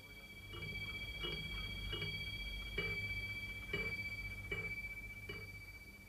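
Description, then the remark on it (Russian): A striking desk clock ticks in a steady, even rhythm, about eight soft clicks over a faint, lingering chime tone that rings underneath, quiet with no voices. “А эти, в частности, у него всегда стояли на столе. Он их сам заводил, любил прислушиваться к бою этих часов.”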